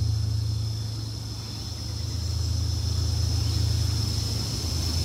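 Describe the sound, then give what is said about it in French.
A continuous low rumble of cars on a seaside road, thought to be the Kafou road, swelling slightly as vehicles go by, with a steady high-pitched buzz, like insects, running above it and no voices. “Les voitures qui traversent au bord de mer.”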